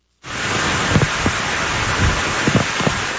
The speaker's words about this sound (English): The storm named Lala strengthened into a Category 1 hurricane as it approached the island with drenching rains and gale-force winds.